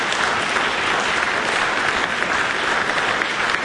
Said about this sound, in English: Wasn't that impressive? Let's have another round of applause for these amazing rangatahi, their coaches and whānau, and their schools and teachers.